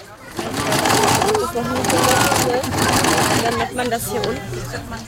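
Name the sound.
sewing machines running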